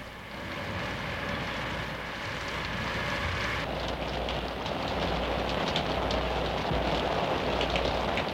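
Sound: rain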